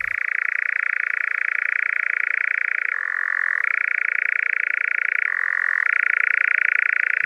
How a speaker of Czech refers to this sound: A kdo se takhle ozývá? To ví zoolog Jan Andreska. To je cvrčení lelka lesního.